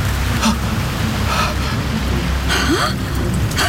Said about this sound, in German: Brandungsgeräusche! Wellen schlagen an einen Strand.